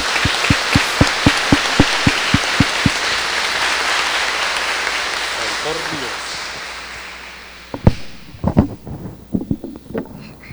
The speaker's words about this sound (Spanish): Lo saludamos y lo felicitamos con un fuerte aplauso.